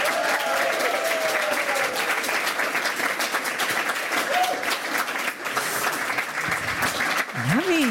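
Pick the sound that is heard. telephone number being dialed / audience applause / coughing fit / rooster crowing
audience applause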